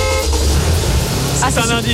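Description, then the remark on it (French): Loud car horns honk in quick, overlapping bursts over a low engine rumble, forming a short punchy jingle that ends with a couple of sharp toots. It is the RMC radio jingle that signals the car giveaway game. “Et puis, je vous rappelle que sur RMC, il y a une voiture à gagner. Bien sûr. Cette semaine, ça approche le tirage au sort. À tout moment, si vous entendez ce son...”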